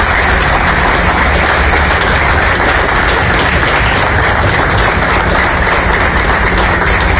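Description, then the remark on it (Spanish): A crowd claps steadily for about seven seconds, a dense, loud wash of many hands that holds an even level throughout, with no voices standing out; the applause is for the team of the Comité Olímpico Nacional. “y que les pido de la manera más respetuosa un sincero aplauso a todo nuestro equipo, Comité Olímpico Nacional.”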